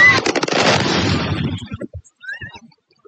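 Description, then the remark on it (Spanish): Explosions from drone strikes on a warehouse of the Russian e-commerce company Wildberries in Moscow: a loud, rumbling blast sequence of rapid booms that fades over about a second and a half, followed by a few scattered thuds and faint pops. “Es el sonido de los drones impactando contra un almacén de la empresa rusa de comercio electrónico Wildberries, lo que sería el Amazon ruso, y contra otras instalaciones de Moscú.”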